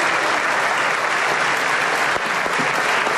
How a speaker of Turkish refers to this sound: AK Parti, MHP ve DEM Parti grupları Erdoğan'ı uzun süre ayakta alkışladı.